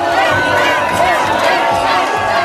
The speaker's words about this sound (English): as fans leapt and shouted around him.